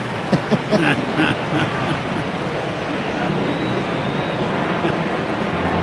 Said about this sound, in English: Now time called as another jet comes flying overhead. I don't see it, but you can sure hear it.